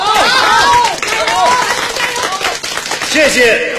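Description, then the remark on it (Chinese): An audience applauds steadily and loudly for the full length, with dense clapping mixed with scattered voices calling and cheering over it. The applause honours a volunteer team's selfless dedication and the courage of the ill people they care for. “让我们对志愿者们的无私奉献表示敬佩，为被关爱者们的勇敢坚强鼓掌加油。”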